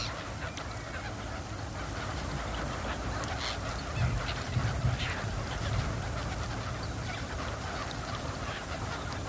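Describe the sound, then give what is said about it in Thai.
A dense chorus of wild ducks calling at Bueng Boraphet, Thailand, in winter: overlapping honks and quacks from many birds, with a brief swell of louder calls midway. “เมื่อถึงฤดูหนาวนกเป็ดน้ำนับแสนตัวจึงบินมายังบึงบอระเพ็ดเพื่ออาศัยอยู่ร่วมกับเป็ดคับแคที่รออยู่ในฐานะนกประจำถิ่น”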